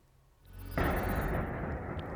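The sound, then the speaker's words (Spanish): A Russian drone strikes the tenth floor of an apartment block in Romania in the early hours: a sudden explosion of its payload bursts out of a quiet background less than a second in, then gives way to a loud, sustained roaring rumble that continues to the end. No one speaks. “Van a ver el impacto en la pasada madrugada de un dron ruso contra el décimo piso de un bloque de viviendas en Rumanía.”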